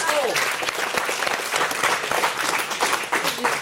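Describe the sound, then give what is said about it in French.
An audience applauds a female guest steadily for a few seconds, a dense, even wash of many hands clapping at once, fairly loud and sustained without a break. “On applaudit notre invitée puisqu'elle a coincé les décodeurs.”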